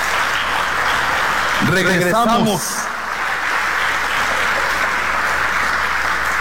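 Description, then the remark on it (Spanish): Steady, dense audience applause during a church sermon fills the whole stretch at an even level, given as applause to the King of Glory, while a single voice speaks one short word over it partway through. “A ver, un aplauso al Rey de la Gloria.”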